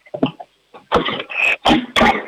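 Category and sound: household object, door slammed shut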